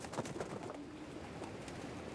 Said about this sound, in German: Dieses Glück scheinen die Männer heute zu haben. Alle Tauben kehren heim.